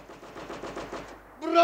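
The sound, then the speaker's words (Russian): A rapid, steady rattle of enemy machine gun fire raking an open clearing, around a dozen sharp bursts in quick succession, cut off by a loud, strained human shout at the end. “Вся прогалина еще до сих пор простреливалась пулеметным огнем противника.”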